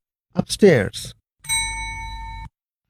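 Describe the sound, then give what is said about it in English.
A brief bit of speech, then a single bright bell chime rings out clear, holding steady for about a second before stopping abruptly, the signal to repeat a sentence in a language practice exercise for children. “Listen to each sentence and then repeat it after the bell.”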